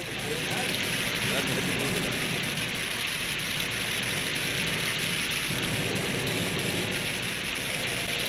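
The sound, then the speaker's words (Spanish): A heavy rainstorm with lightning pours down after dark on a car parked at the roadside, a dense, steady roar, loud, holding constant intensity for the whole stretch with no pauses. “Se quedaron dentro del carro mientras arreciaba la tormenta.”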